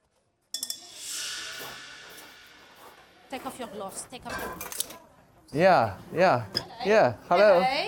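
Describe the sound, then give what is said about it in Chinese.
Sizzling from a hot wok as a second batch is stir-fried, with metal utensils clinking against the pan, loud, then people start talking over the kitchen noise. “好，先分吧，我炒第二锅了。”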